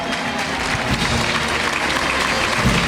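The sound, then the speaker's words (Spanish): A big ovation at a bullfight, the crowd celebrating the football world title: sustained applause, dense and loud clapping from a large crowd rolling steadily without pause for the full length, with no voices standing out. “Y envuelto en una gran ovación, la tauromaquia que se une en hermandad a la celebración del título mundial de fútbol.”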